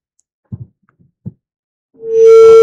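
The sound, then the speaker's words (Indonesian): A few soft low thumps, then a loud, steady single-pitched phone disconnect tone starts abruptly and holds unbroken to the end as a caller's line drops during a phone-in program, with no one speaking. “Baik, terputus.”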